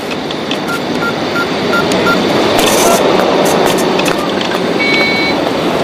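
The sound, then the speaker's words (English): Faint, short electronic beeps repeat at a steady pace as a man presses an outdoor ATM keypad to start a transaction. A mechanical receipt-printing whir follows, all under loud, constant traffic noise. “walks up to an ATM and initiates a transaction.”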